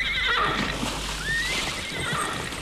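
A horse whinnies in a drawn-out, wavering neigh that rises and falls, over a steady background of rushing water or outdoor noise.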